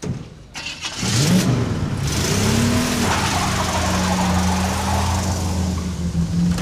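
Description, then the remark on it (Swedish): A car engine starts up and revs, then settles into a steady loud drone as the car drives along at full speed, continuous with no talking. “Bilen körde i full fart.”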